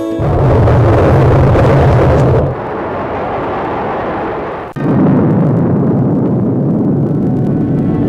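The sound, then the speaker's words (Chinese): The explosion of China's first atomic bomb, on 16 October 1964, roars with a loud, deep, sustained rumble lasting several seconds, with abrupt shifts in the noise partway through and no voices. “1964年10月16日，中国第一颗原子弹爆炸成功。”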